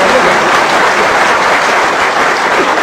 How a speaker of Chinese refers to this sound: 您不鼓掌，他不唱 啊。